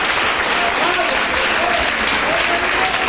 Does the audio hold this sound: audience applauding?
yes